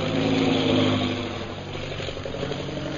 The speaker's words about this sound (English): That is one of our new bombing planes. Now arriving for establishing our Purple Triangle Kingdom.